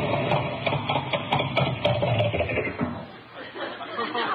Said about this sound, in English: What happened? The motor cut out. It's a little cold this morning.